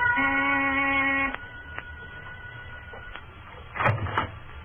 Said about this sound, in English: I rang the door buzzer.